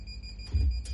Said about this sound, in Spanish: Oh, de nuevo, la alarma.